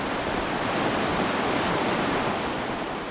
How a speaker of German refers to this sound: Das Rauschen der Gurgler Ache gehört zum beständigen Grundton von Obergurgl. Sie entspringt dem Gletscher, dem Gurgler Ferner